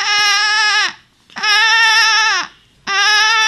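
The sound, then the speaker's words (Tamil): A school student doing mimicry imitates a lamb bleating, three loud, sustained, quavering "maa" calls with short pauses between them. “பேர் ஆட்டுக்குட்டி.”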